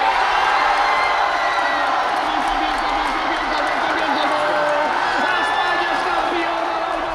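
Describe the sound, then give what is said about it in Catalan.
A large stadium crowd of devoted football fans roars, cheers and chants for players including Lamine, Cubarsí, Ferran and Messi: a loud, dense wall of blended voices that holds steady for several seconds without pause. “La min, el seu germà petit, Cubarsí, Ferran o també Messi van ser els més aplaudits i corejats per una afició entregada que va marxar passada la mitjanit”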